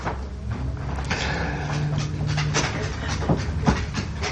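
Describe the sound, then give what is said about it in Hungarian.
A dog named Rudi jumps down from someone's lap: rustling movement and a few soft thumps and clicks over a steady, rumbling background noise. No one speaks. “Hang, amit hallunk, a Rudi kutya. Igen, elunta, és most leugrott az ölemből.”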